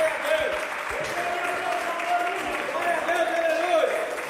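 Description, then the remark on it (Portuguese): Sustained applause from a church audience welcoming a preacher to speak, a dense steady wash of many hands clapping at fairly even loudness throughout, with a few faint voices mixed in underneath. “Não, então vamos receber com palmas para Jesus.”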